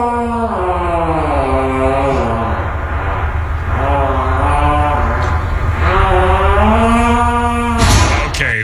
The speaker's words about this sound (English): Hope everybody liked us revisiting stairwell farts. Those were the only two I have, though.